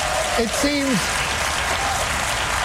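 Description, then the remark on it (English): An audience on Jon Stewart's show applauds steadily, a dense, even wash of clapping that holds at the same loudness throughout, with a brief voice-like whoop rising and falling near the start. “The crowd likes it.”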